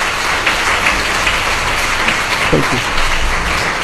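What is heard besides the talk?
audience clapping hands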